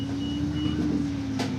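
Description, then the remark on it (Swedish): A city bus in Dunkirk, France, rumbles steadily as a passenger gets off at the main square, its engine hum carrying a constant high-pitched tone, with a short hiss of air near the end and no voices. “Jag stiger av bussen vid Dunkerques stora torg.”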